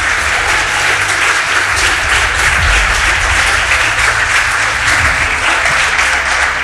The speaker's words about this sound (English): It means that victory is not for those who quit, but for those who endure. If you are happy, clap for Jesus.